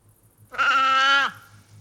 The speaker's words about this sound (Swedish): Det där är säl. Det var en säl. Ja. Det var en sälkut.